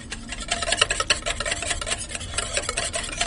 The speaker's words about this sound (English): About 5 minutes. And what the whisking does is that it turns the water molecule into very, very small droplets, and that enables the fat in the chocolate to emulsify with the water and turn it into a mousse consistency.